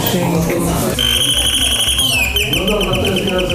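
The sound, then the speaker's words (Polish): An old Soviet-made telephone, part of a permanent telephone exhibition in Lublin, Poland, rings loudly and steadily with a shrill, buzzing tone that starts about a second in and dips slightly in pitch partway through, over a low murmur of background sound. “Jeszcze tutaj jest produkcji radzieckiej, 45.”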